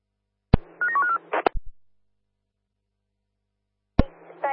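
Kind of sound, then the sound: signal or alarm, telephone dialing tones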